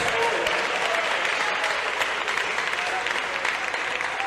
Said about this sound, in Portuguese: Pode tomar o seu assento em nome de Jesus. Desocupem as mãos, batam palmas e glorifiquem a Jesus.